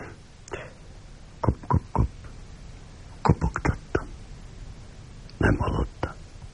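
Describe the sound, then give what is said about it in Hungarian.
Sharp, dry tapping of a knocking beetle inside a wooden beam, calling for its mate, heard in three short bursts: a run of three taps, then a quicker flurry of five or so, then a final cluster, fairly loud over a quiet hiss. “Nem tudom, hogyan szoktak a kopogó bogarak hívására válaszolni.”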